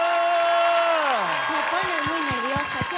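An audience on the show Ecos de México claps steadily and loudly throughout, a dense wash of hands, while a drawn-out vocal tone slides downward and then wavers above the applause.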